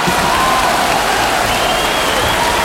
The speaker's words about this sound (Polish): Dobra, jeszcze raz te brawa.